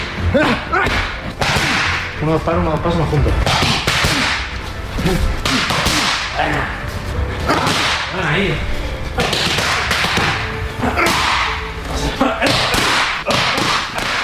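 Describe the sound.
Sharp, loud punches crack against training pads in quick bursts of two or three, with brief pauses between combinations while a coach calls out short instructions.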